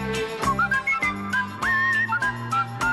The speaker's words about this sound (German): Im 20. Jahrhundert erlebte das Pfeifen schließlich seinen künstlerischen Ritterschlag. Es zog in die Popkultur und die Filmgeschichte ein.